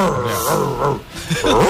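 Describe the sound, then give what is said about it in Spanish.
A listener's voice imitates an angry monkey, with a burst of harsh, rising and falling hoots and screeches that is loud, filling nearly two seconds with no ordinary speech. “Mono cabreado.”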